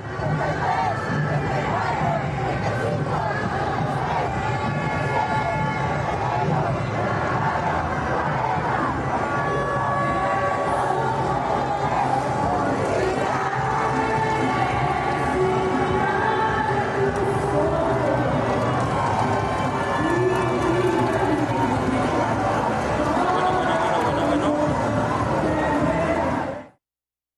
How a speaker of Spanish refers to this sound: así de ensordecedor estaba tanto las bocinas de este concierto, las madres que gritaban cada vez más fuerte, pero la gente que ya se estaba acercando a celebrar